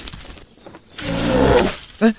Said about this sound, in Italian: Hai sentito questo verso? Sì, è una lince, riconosco i richiami!